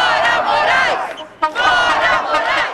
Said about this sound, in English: At the rally, they chant, "Get out, Moraes." Signs and stickers are everywhere in the crowd, calling for his impeachment.